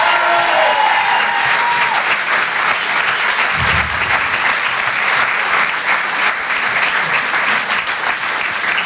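audience applause

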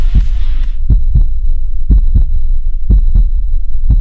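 heartbeat

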